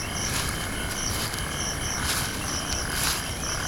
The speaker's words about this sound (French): Je marche dans les herbes de la savane sud-africaine. J'entends des grillons et des rapaces nocturnes. J'ai bien fait de prendre ma gourde. Il fait encore très chaud en ce début de nuit.